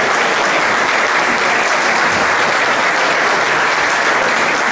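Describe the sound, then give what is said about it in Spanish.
An audience at an Astara event claps steadily and densely for several seconds as Ignacio Enciso, CEO of Astara, is called to the stage to cut the ribbon. It is a loud, continuous wash of applause without pause. “Un aplauso.”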